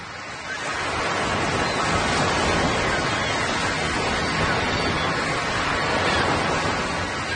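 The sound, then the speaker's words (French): A steady, continuous roar of ocean surf washing onto a sandy beach, a dense rushing hiss that swells slightly after the first second and then holds constant, with no voices. “Je me rappelle le sable, la plage, l'eau, les vagues incroyables. Oui, surtout ce murmure incessant.”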